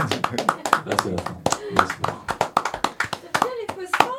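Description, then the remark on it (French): Audience applause fills the hall after a live guitar and vocal performance: many hands clapping in a quick, uneven patter, fairly loud and steady throughout, with a few voices calling out over the claps. “à faire des fausses fins, qu'il ça lance des applaudissements dans la salle.”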